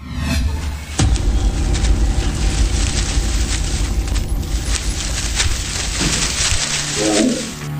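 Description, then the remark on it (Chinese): A deep, loud roar of a large Siberian (Northeast China) tiger bursts in after a brief quiet moment and rumbles on heavily for several seconds before fading into a low growl. It is powerful, with no talking. “东北虎，真遇上东北虎了。”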